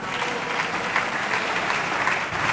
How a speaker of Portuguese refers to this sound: Os aplausos são apenas das bancadas que apoiam o governo, o PSD e o CDS.